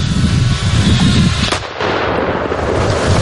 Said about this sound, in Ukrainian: FPV несе на собі кілограм вибухівки. Пілот поступово знижується і заходить прямісінько у бійницю бліндажу.